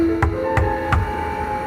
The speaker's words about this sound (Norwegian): Plutselig banket det på døren.